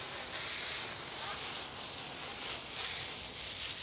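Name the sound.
water spraying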